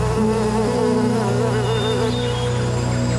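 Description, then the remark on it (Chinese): A dense, steady drone of many honeybees buzzing together around a hive opened by a beekeeper for inspection, on grassland in Altay. Their overlapping wingbeats waver slightly in pitch and fill the whole stretch without any voices. “每一次开箱检查，都是一次亲密的对话。而蜜蜂也用自己的方式回报着养蜂人。”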